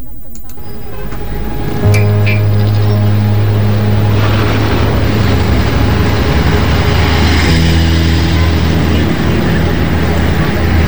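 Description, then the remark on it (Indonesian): Trucks loaded with large logs rumble by as they leave the village of Nambolon, with a loud, steady low engine drone that swells in after a couple of seconds and keeps going, heavy, with faint road noise underneath. “Loh, mengapa banyak sekali truk berisi kayu besar keluar dari desa Nambolon ini?”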